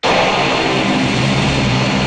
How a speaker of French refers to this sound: Les avions ne seront pas pour l'instant plus nombreux à décoller depuis le bord du lac à Toronto.